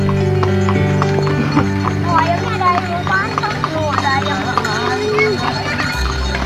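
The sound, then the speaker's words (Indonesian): Hooves of a horse pulling a delman, a traditional engineless cart with two, three or four wheels, clip-clop in a steady rhythm, with a background bed of tonal noise and some voice-like chatter woven through, the whole scene fairly loud throughout. “Delman adalah kendaraan transportasi tradisional roda 2, 3, atau 4 yang tidak menggunakan mesin tetapi menggunakan kuda sebagai penggantinya.”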